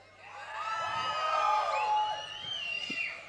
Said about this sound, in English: So when I say one, two, three, four, and when I'm gonna count, un, zwei, drei, vier, you're gonna scream.